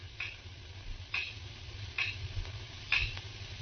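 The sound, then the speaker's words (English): A clock ticks steadily in a quiet, dark room at seven o'clock, four crisp clicks spaced just under a second apart, heard alone over a low, murmuring background hum. “I could hear the clock ticking away the seconds.”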